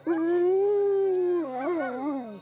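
A dog lets out a long, loud howl that holds steady for over a second, then wavers up and down before trailing off, with no talking.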